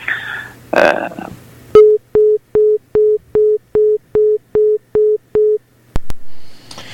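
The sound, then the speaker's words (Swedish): A caller's phone line clicks off and a steady busy tone pulses about ten times in an even, rapid rhythm, loud, after a brief burst of noise at the start. “Det kan ju vara så att hans telefonkort har tagit slut.”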